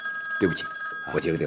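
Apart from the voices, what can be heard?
telephone ringing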